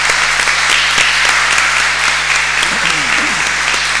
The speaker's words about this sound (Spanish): Le damos un fuerte aplauso.